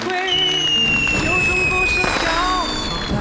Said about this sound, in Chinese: 妈，快看，烟花。